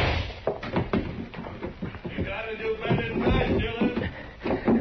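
A heavy wooden trap door leading up to the roof is shoved open, with a series of knocks, scrapes and dull thuds over a few seconds, and a faint voice underneath.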